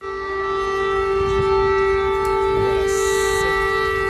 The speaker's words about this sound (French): alarmes que vous entendez, les habitants de Kiev y sont tristement habitués. Et bien cette nuit, la nuit précédente, ils ne l'ont pas entendu, ou parfois bien trop tard.